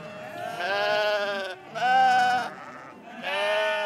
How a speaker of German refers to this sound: Knapp 220.000 Schafe leben in Baden-Württemberg.